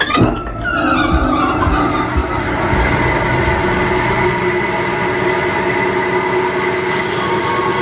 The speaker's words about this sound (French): Alors là, on prend le billon et après on va aller sur la scie à ruban. Et là, on va la mettre en route.